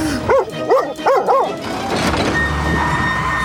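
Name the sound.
dog barking an alarm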